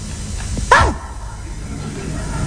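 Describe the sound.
A person imitates a dog said to do math, answering how many coins were thrown on the floor with a single sharp bark that quickly fades, with faint background noise before and after.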